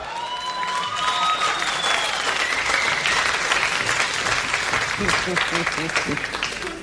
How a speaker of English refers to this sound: Hang on, that's a crowd in the background there.